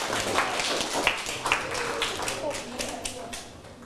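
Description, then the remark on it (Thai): A small group of students claps for themselves in a loose, uneven patter for a few seconds after all scoring a full 8 points on a class activity, sharp hand slaps scattered over a steady background murmur of voices. “ปลายทางละครับได้กี่คะแนนเอ่ยต้นทางได้8คะแนนเต็มทุกคนเลยปรบมือให้ตนเองครับ”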